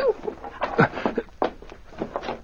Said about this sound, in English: Help. More, King. Bark some more.